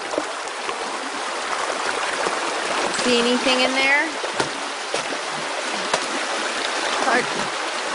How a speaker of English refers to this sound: The D net has a flat side, so you push that so it's even with the bottom of the stream. And then I'm just going to go in and turn over rocks in front of the net and let the water carry the bugs into the net.